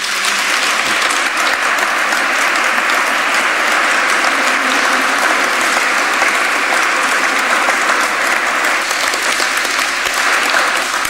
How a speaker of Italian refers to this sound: Adesso a Paolo che sta qui facciamo un bel applauso.